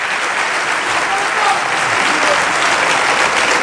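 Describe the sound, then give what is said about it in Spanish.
Steady, loud audience applause as a greeting to Ceuta, a dense wash of many hands clapping at once that holds at an even level for several seconds without a break. “Un aplauso y un saludo para Ceuta.”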